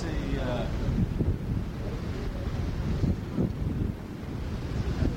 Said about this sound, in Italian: Ed eccoci davanti al mare, si sente odore di mare e rumori di mare.